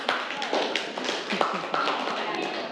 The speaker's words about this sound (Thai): เก่งมากปรบมือให้กลุ่ม5ค่ะ